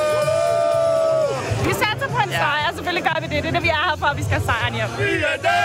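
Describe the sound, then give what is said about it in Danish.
A crowd of Danish football fans, arrived in Norway that morning on the Oslo ferry, cheering and shouting together, a loud, dense mix of many overlapping voices with chant-like rising and falling pitches, steady throughout after a brief sustained tone at the start. “Og hvis du, ligesom mig, har brug for at få noget af entusiasmen tilbage, så kan nogle af de danske fans, der her til formiddag er ankommet til Norge med Oslofærgen, helt sikkert også hjælpe dig.”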